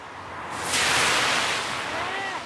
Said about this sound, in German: Dieses Auto kam jetzt, um euch zu demonstrieren, wie nass die Straße ist.